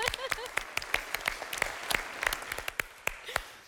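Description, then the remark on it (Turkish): A group applauds a correct answer in a word-guessing game with brisk, sharp, uneven claps that keep going steadily for several seconds, while a few voices murmur and call out faintly underneath. “Alkışlıyorum sizi.”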